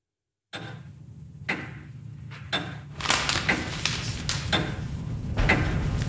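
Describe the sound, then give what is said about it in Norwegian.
An old grandfather clock ticks steadily, its sharp clicks spaced at a slow, even pace over a low background hum, growing slightly busier toward the end. “Til lyden av bestefars gamle klokke startet han dagen med aviser.”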